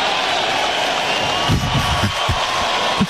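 At a baseball game, a crowd gives a mocking, derisive round of applause, a Bronx cheer, when the pitcher finally throws a strike after missing on 11 of 12 pitches: a steady wash of clapping and crowd noise with scattered louder bursts through the second half.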